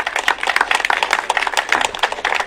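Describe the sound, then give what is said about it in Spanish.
A crowd applauds steadily, a dense wash of overlapping hand claps that stays fairly even in loudness throughout, with no voices heard. The audience at the Festival del Orégano in Tacna is welcoming the Ilabaya District Municipality. “Vamos a recibirlo con un fuerte y caluroso aplauso también, por favor.”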